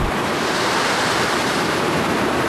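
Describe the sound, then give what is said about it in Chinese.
Steady roar of ocean surf mixed with howling, gusting sea wind at the seafront of the old town of Chongwu, China, where a Ming-dynasty lighthouse stands. A dense, continuous rush of noise at constant loudness with no distinct breaks between waves and no voices. “古镇面向大海的地方有一座明代修建的灯塔，在呼啸的海风中已经伫立了数百年，至今依然发挥着重要的作用。”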